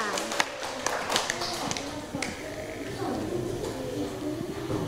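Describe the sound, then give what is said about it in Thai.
A classroom group claps for student group 5, the last group, scattered and uneven rather than thunderous, with chatter and young voices running underneath the whole time. “ต่อไปค่ะขอเชิญกลุ่มสุดท้ายนั่นก็คือกลุ่มที่5นะคะขอเสียงปรบมือให้กับกลุ่มที่5หน่อยค่ะ”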